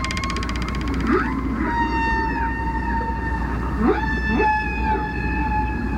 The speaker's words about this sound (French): Lorsque la baleine chante, l'air de ses poumons vient remplir le ballon. Et en envoyant l'air, elle fait vibrer les crochets en cartilage. Et c'est cette vibration qui crée le son.